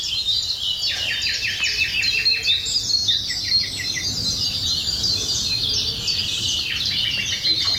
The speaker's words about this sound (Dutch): Die nam deze geluiden van houtduif, koolmees en nachtegaal op in het Stijnse Groen in Gouda.